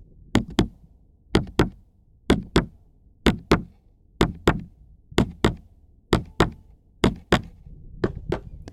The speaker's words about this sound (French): Le battement de mon cœur.